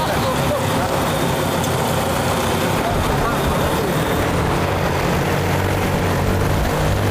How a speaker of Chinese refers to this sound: 哇，啊，这个飞机真的是那个力气，感觉拉这个150斤的竹子，哎，特别的轻松就走了。